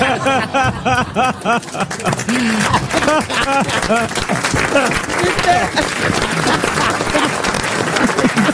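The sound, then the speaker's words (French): An audience breaks into steady applause, dense clapping that holds loud and even throughout, with a man's voice talking over the first few seconds and faint laughter mixed in. “Ne m'applaudissez pas, comme disait Isabelle Mergaud, c'est mon métier.”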